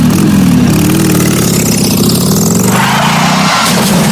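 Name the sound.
motorcycle engine idling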